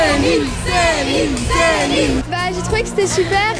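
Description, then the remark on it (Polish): A loud crowd of fans, waiting since morning outside the Paris hotel where a singer was staying, cheers with many high voices shouting and chanting together in rising and falling waves that keep going without a break. “Przed hotelem, w którym zatrzymała się piosenkarka, od rana czekał na nią tłum fanów.”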